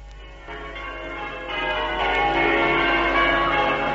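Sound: church bells ringing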